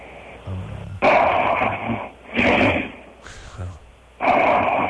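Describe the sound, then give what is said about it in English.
Loud, rasping snores come in a rough rhythm, about four harsh breaths with a low rattling buzz, separated by short quieter pauses. “And by the way, if you're trying to humiliate, you're just fine at that without the snoring.”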